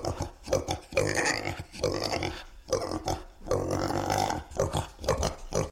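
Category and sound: animal, pig grunting and oinking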